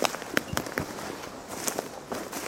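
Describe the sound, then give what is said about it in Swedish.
Footsteps crunch and crackle over dry ground in morning sun, a series of sharp, brittle crackles at an uneven walking pace, with a steady hiss of background noise and no talking. “Det är torrt, man hör att det är torrt. Det knastrar.”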